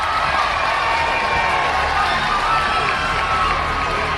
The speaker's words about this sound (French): Avant même d'aborder le virage de Saint-Estève marquant le début de l'ascension, on entend les cornes de brume et les applaudissements. Et quand enfin se présente le peloton...